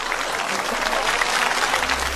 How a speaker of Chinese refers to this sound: 恭喜所有的小宝贝们听完成功，手动给大家鼓一下掌。